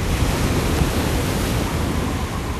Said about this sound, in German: Meeresufer. Trüber Himmel. Eine unbegrenzte Wasserwüste. Du stehst in der Nacht auf dem Dobberaner Damm. Du schreist an gegen die Wucht von meterhohen Wellen.